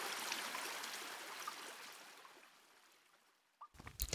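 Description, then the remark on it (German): A stream flows inside a cave, rushing and burbling steadily, loudest at first and slowly fading, then a brief sharp clatter breaks in at the very end. “Zum Glück hat diese Höhle nur einen Bach. Ja, es tropft zwar etwas von der Decke, aber einen Tauchschein brauchen wir hier zum Glück nicht.”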